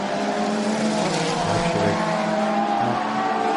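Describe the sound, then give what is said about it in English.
Race car engines roar on a track, the field including the McLarens, the Iron Links car, the Hart Racing car and Ricardo Pera in the number 92 car, in a loud, continuous wall of sound, with high-pitched motor whine holding steady throughout and no clear voices. “Ricardo Pera, Kobe Powells, the Bend and the Hart Racing car, Ricardo Pera in that number 92 car.”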